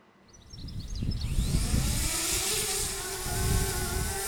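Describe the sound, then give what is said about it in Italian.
The propellers of a Sentinella agricultural drone spin up from quiet into a loud, steady whirring buzz with a rising whine, sustained and heard alone without any talking. “Questo è il drone Sentinella.”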